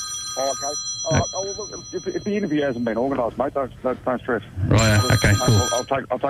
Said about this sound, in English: There goes my phone again. So, listen, can you... I'm waiting for a call to come in from Canada.